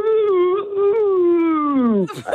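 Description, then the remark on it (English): A person gives one long, drawn-out imitation of a cow's moo: a steady, loud voiced tone that slowly sinks in pitch, then breaks off into a brief breathy sound. “Okay, that was a long moo.”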